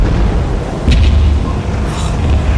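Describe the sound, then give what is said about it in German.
Two heavy gunshots boom across the water, about a second apart, each with a deep rolling echo over a steady low rumble of wind and water. “In diesem Augenblick dröhnten zwei weitere Schüsse über das Wasser.”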